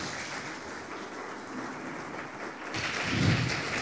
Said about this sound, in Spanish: ¿Cuántos dicen amén? Denle un fuerte aplauso al Rey de Reyes, Señor de Señores, amén.